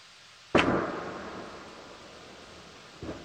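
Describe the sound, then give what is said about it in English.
A single sharp boom from a meteor exploding off the Massachusetts coast on Saturday cracks out and fades into a long, low rumble, followed about two and a half seconds later by a softer second thump. The boom was heard across the state. No voices. “Not only in New England, a meteor exploding off of the Massachusetts coast on Saturday, which created a loud boom that was heard across the state.”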